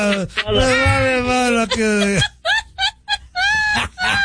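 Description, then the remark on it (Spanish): A person lets out a long, drawn-out, loud voiced yawn lasting about two seconds, followed by a few short breathy vocal bursts like soft laughter. “Perdóname por el bostezo que te quité.”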